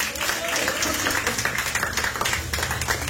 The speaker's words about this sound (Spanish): Denle una prenda de palmas, fuertes a nuestro Dios. ¡Aleluya!